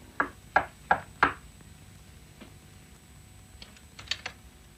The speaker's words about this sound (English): I came to the door of apartment 618, stood outside it a moment, and then knocked softly.